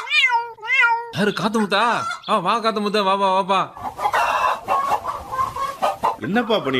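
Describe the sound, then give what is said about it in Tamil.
Chickens cluck and squawk in a loud, continuous series of short, rising-and-falling calls, with a burst of rougher, noisier squawking in the middle before the clucking resumes, as they are being fed millet grain (kambu and kezhvaragu). “கோழிகளுக்கு தீவனம் போட்டுக்கிறா, கம்பு கேவுரு.”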